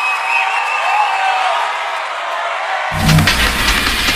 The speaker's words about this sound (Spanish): Un fuerte aplauso